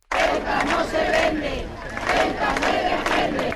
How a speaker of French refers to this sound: Ceuta n'est pas à vendre, Ceuta doit être défendu. Ce sont quelques-uns des slogans qui ont été scandés dans la manifestation qui a réuni des milliers de personnes, place de Cibeles à Madrid.